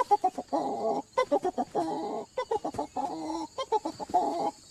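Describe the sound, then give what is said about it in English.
Chickens cluck in quick, overlapping bursts, a busy stream of short throaty calls, with a steady faint hiss of outdoor background underneath and no one talking. “And then the hen will come running in, and she's picking up the grain or whatever, and then he does a dance around her by putting one wing down and one leg up, and it's...”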